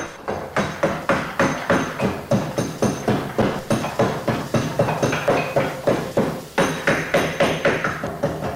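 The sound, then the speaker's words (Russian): A mallet strikes a chisel into beech wood while carving, in a steady, brisk rhythm, roughly two sharp woody knocks per second, loud and continuous with no voices over it. “А как звучит бук? А вот послушайте.”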